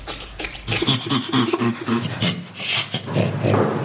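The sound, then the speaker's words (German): Breathy, rhythmic panting bursts of laughter from great apes (bonobos, chimpanzees, gorillas or orangutans), a rapid series of hoarse huffs repeating steadily for a few seconds with no speech. “So klingt das bei Bonobos, Schimpansen, Gorillas oder Orang-Utans.”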